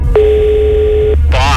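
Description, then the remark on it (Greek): A single steady electronic telephone ring tone sounds for about a second over a faint background hum as a radio contest call goes unanswered, then a voice briefly begins speaking. “Γιατί δεν το σηκώνετε, γιατί δηλώνετε συμμετοχή, στέλνετε το μήνυμα και την ώρα που πρέπει να σηκώσετε το τηλέφωνο δεν το σηκώνετε.”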